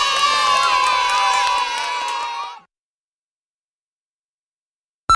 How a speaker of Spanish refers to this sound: Y ahora el aplauso más grande de todos, para ti.